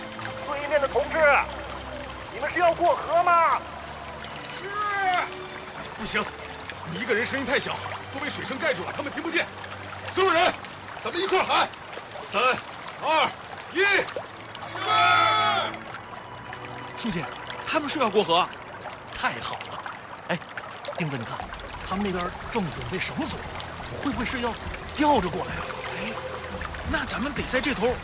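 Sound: rushing river water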